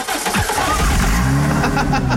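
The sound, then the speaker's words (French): A car engine restarts via its start-stop system after a stop, cranking and firing back up, then settling into a steady idle rumble with rising harmonic tones, fairly loud. “Oh, il me saoule ce start and stop. Il me fatigue.”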